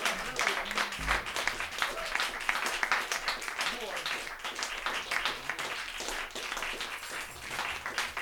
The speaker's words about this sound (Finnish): Yes, viikon kasassa on bändi. Antakaa nyt aplodit täällä.